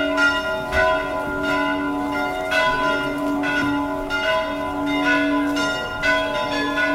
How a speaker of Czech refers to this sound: Ovako je pozivalo zvono manastirske crkve vernike na Petrovdansko saborovanje, koje tradicionalno okuplja verni narod, sveštenstvo i monaštvo eparhije Budimske, kao i brojne poklonike iz Mađarske, Srbije, Hrvatske, Republike Srpske i drugih zemalja.